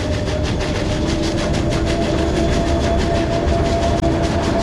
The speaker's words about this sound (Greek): Το τρένο πέρασε αργά μπροστά μου. Λες και ήθελε να το παρατηρήσω. Και μετά συνέχισε στη διαδρομή.